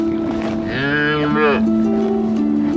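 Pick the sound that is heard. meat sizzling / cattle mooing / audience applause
cattle mooing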